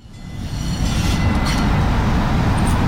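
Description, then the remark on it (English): A subway train on the T, the Greater Boston train network, rumbles along the rails with a heavy, steady low roar that builds over the first second, then holds loud, with faint metallic squeals overhead. “took me out to see his real-life favorite trains on the T, yes.”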